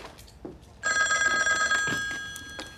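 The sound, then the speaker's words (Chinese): A telephone bell rings loudly and continuously for a couple of seconds, a bright sustained metallic trill that starts abruptly and then fades, with faint background noise around it. “队长，接电话。”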